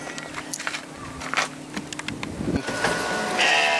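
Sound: sheep bleating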